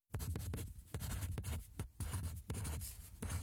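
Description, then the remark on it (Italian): Pen or pencil writing on a sheet of paper in quick, continuous strokes with brief pauses, fairly loud, no voices. “Sonia da Castelgofredo ha scritto sta scrivendo su un foglio.”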